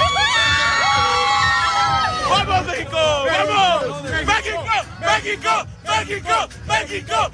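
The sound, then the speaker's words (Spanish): A large crowd of Mexican football fans roars together, a long sustained shout giving way to bursts of excited yelling and cheering from many voices at once, loud throughout, celebrating after their national team beat Ecuador. “Hoy nos veíamos en la obligación de abrir con el grito de la emoción de un pueblo, de una nación, la voz de la afición mexicana que después de ver ganar a su selección ante Ecuador ha estado de fiesta durante toda la noche.”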